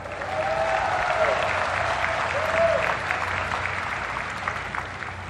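Sustained applause from a large audience cheering the achievements of Taiwan's people fills the space, a dense steady patter of clapping at a fairly constant level, with a faint murmur of voices mixed in.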